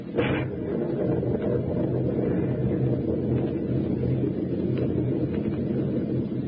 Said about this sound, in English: The storm is rising in intensity every minute.